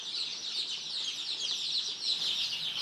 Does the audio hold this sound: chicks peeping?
yes